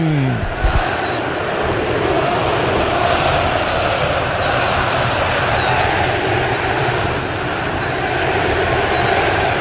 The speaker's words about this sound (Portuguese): Torcedor do Brasil, ouça o som do Mineirão.